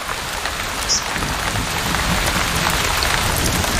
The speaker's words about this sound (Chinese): 这场暴雨抚慰了备受干旱煎熬的动物们。